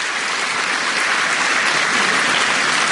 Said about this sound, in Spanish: O sea, hay catequistas aquí. Oye, qué bien. Aplauso para los catequistas.